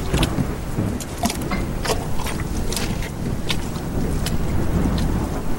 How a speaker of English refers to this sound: He walked for miles with the cold wind blowing, stinging rain on his skin. He treaded through mud and deep puddles in the dark night.